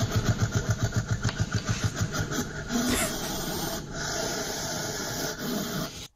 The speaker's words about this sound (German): Klingt ein bisschen gruselig, ne? A, ein Luchs, B, eine Maus oder C, ein Igel. Welches Tier kann so klingen? Da würde ich sagen B. Eine Maus? Bist du sicher, dass eine Maus so fauchen kann? Nee, da würde ich C sagen. Ein Igel? Das ist korrekt.